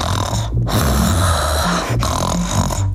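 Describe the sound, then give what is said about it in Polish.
A person imitates a tired horse snorting as a warm-up exercise before pronunciation practice: loud, rough fluttering snorts, blown out in three long bursts separated by brief pauses, with no talking. “Chrapnął sobie. Chrapanie to też jest dobre ćwiczenie rozgrzewkowe przed nauką wymowy różnych głosek.”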